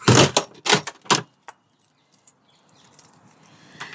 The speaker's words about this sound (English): So this is me putting my shoes on and getting out of the door.